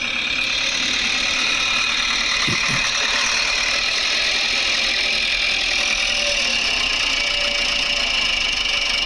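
A tractor engine drones steadily and fairly close throughout, a rough mechanical rumble with a bright, noisy edge, broken by a couple of brief knocks partway through. Nobody speaks.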